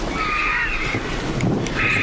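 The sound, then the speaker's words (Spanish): Vultures drying their feathers after a downpour in the late afternoon cackle with harsh, drawn-out calls that rise and fall over a steady low outdoor rumble, the calls continuous through the whole moment. “y al fondo se están secando las plumas, los buitres. Ahí están. Con ese cacareo y una garza real.”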